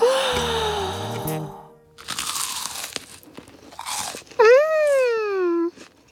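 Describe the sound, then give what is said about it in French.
Crisp crunching on popcorn as friends eat it at a sleepover, with a few loud bites and chews in a row. Voiced, pleased-sounding murmurs come before the bites and a long rising-falling hum of delight follows. “se régalent en croquant les pop-corns.”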